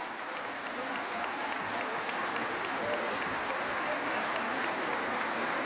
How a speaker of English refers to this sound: Tamino welcomes Maestro Harry Bickett to the stage. And there is a round of applause for the Santa Fe Opera Orchestra.